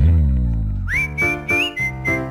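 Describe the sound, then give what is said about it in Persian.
A clear, high whistled tune from a song recording rises in and holds a steady melodic line over a rhythmic musical backing with pulsing beats, following a low sustained tone at the start. “گذاشتیم یه دو تا سوت بیشتری هم بشنویم.”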